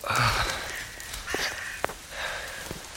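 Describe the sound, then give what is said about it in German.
Breathy puffing and wheezing exhales from a grave, in a few uneven bursts, with a sharp snort-like click partway through, fairly soft and with no talking. “Ein zweites Pusten und Keuchen aus dem Grab neben ihm dringt an sein Ohr.”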